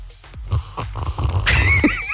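Someone slurps coffee loudly, a few short wet sucking sounds building into a long airy slurp with a thin whistling edge near the end. No one speaks.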